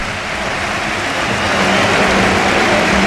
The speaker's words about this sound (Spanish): Se va Rafinha, esta es la ovación.